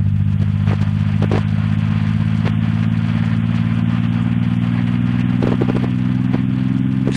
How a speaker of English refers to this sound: We're hearing gravitational waves. They're the ripples in space-time made by a black hole's tremendous mass. MIT professor Scott Hughes converted the gravitational waves into sound. As we move toward the center of the black hole, the pitch rises.